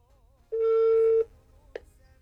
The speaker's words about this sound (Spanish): Tu llamada está siendo transferida y se cobrará al terminar los tonos.